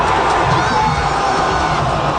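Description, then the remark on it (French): A large crowd of disappointed fans of Canada's men's national soccer team, gathered to watch a match at the Canada Soccer house at Harbourfront Centre by the lake in Toronto, murmurs and calls out in a steady, loud wash of voices, with scattered shouts rising over the dense chatter and no clear cheer. “on entend la foule déçue rassemblée à la maison de Canada Soccer au centre Harbourfront.”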